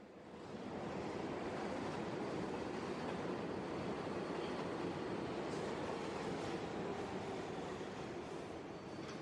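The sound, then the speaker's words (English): A subway train rumbles along steadily on a long trip out toward Richmond Hill, heard from on board, a dense, continuous roar of wheels and car noise filling the whole stretch at a constant loud level, with no voices. “We're on the subway and it's a long trip”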